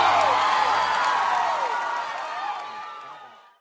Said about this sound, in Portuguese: salva de palmas para o …!